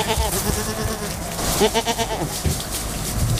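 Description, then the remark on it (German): Several goats bleat in overlapping, wavering cries, fairly loud, with a steady outdoor background rustle underneath. The goats are clearing an overgrown plot north of Schorndorf, working as living lawnmowers to maintain an orchard meadow. “Als Hobby hatte Amos McKee sich die Ziegen angeschafft.”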